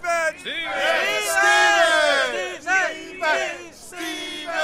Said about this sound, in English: Stephen! Did you hear that? They're shouting your name, Stephen, over and over.